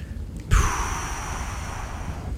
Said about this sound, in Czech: Vítr.